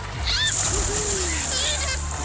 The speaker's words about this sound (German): Wasser, Arschbomben und glückliche Schwimmer werden wir erleben, wenn das Volkacher Freibad am Pfingstwochenende nach der langen Sanierung endlich wieder aufmacht.